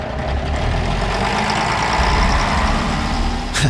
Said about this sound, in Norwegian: Ja, på grunn av signalfeil startet ikke denne reportasjen med lyden av tog. Der ble buss for toglyd.